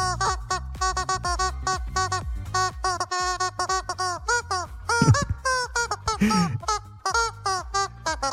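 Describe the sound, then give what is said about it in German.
A squeaky rubber chicken dog toy honks out the quick melody of a pop hit, a steady stream of short, nasal, rubbery squeals with bending pitches, loud, with no talking. “Dabei hilft uns das verrückte Huhn, hier so quietscht hier für Hunde, kennt ihr, ne? Wir quietschen damit Hits aus dem besten Mix, heute diesen hier.”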